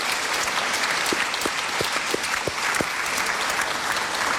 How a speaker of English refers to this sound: Yeah, well, so great. So please give everyone a big round of applause.